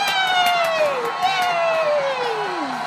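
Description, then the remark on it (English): A lively circus crowd cheers and claps steadily for a dancing clown, with excited shouts and long sliding whoops that fall in pitch rising above the steady noise of the audience. “Oh, look at that clown. He's dancing. Ooh, let's clap. Yay!”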